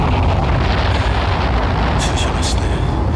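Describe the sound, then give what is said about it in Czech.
A deep, thunderous rumble of an explosion in Modřany rolls on loudly and steadily for the whole stretch, with a few short hissing crackles bursting through near the end; the explosion sends up a cloud of smoke. “Jako kdyby zahřmělo.”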